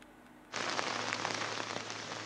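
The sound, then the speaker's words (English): Heavy rain suddenly starts in Nashik, under an IMD red alert, after half a second of quiet, becoming a loud, dense, steady hiss of a downpour with scattered sharper drop impacts and no voices. “the heavy downpour has just begun here in Nashik from Trambakeshwar, but let us also show the visuals from where we are reporting right now, and this is the entire way as we move towards Trambakeshwar.”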